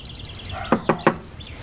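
Police officers knock three firm, evenly spaced times on the door of a man's home, with a faint high tone in the background.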